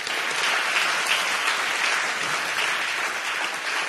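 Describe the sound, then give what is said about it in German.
A crowd in Magdeburg applauds someone from the Solidarisches Magdeburg group steadily for a few seconds, a dense, even wash of clapping that stays fairly loud throughout without voices on top. “Ein kleiner Applaus für solidarische Magdeburg.”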